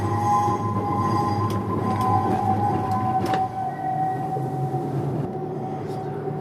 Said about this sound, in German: Endstation Betriebshof. Ja, jetzt packen wir da ein. Sehr gut. Da können wir jetzt zwischen diesen beiden genau Trambahnen einparken.